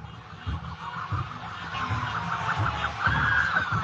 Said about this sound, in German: Polizeiautos fahren vor ihm her. Die sind jetzt hier schon beim äußersten Zipfel des Kreisverkehrs angekommen. Und der Bus ist auch fast an diesem Punkt angelangt.